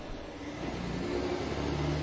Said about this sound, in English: Sorry about that, got the windows open, so truck's going by, be a little loud.